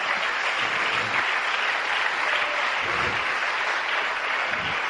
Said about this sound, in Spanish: Demos un aplauso para el Señor en esta.